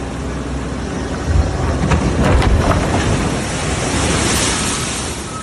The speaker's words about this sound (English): This was the scene in Long Beach over the weekend, beachfront properties being hammered by waves. Friday brought the most devastating swells pounding the coastline.